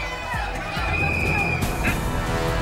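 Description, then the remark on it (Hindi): A large crowd of Shiva devotees at the Shyamnath temple complex on the first Monday of Sawan murmurs and calls out 'Har Har Mahadev' in a dense, continuous hubbub, many overlapping voices blending into a steady roar that swells slightly partway through. “हर हर महादेव की जय घोष से गूंजा श्यामनाथ मंदिर परिसर, सावन के पहले सोमवार पर श्रद्धालुओं में दिखा जबरदस्त उत्साह।”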